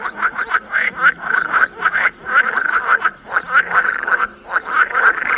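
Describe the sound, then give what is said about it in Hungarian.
Moor frogs calling in a dense chorus, a rapid string of soft, bubbling, pulsed notes overlapping continuously, with no talking, played back under a small dome at a frog-call exhibit with information panels. “akkor négyféle, azt hiszem négyféle, igen, ötféle békáknak a hangját tudjuk megismerni, és ez akkor indul el, elvileg, hogyha alálunk, és akkor szemben pedig vannak az információs táblák, és akkor ez a mocsári béka.”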